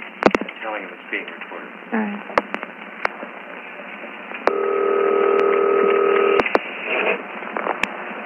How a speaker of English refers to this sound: I'm hearing you beep.